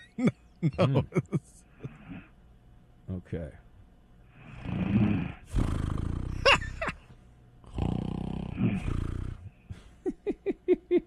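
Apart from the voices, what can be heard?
person snoring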